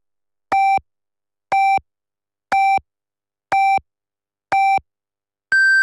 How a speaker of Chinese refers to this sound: 北京时间14:00， 正点报时